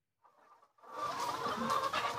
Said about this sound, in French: Vous êtes chez une éleveuse de poules.